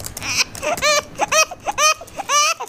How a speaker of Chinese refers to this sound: 姐，孩子哭得这么厉害，你怎么不管他呀？